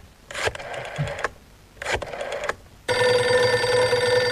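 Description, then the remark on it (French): A phone number being dialed in two short whirring, clicking bursts, followed by a loud, steady, buzzy ringing tone that continues to the end. No one speaks. “Je compose un numéro de téléphone.”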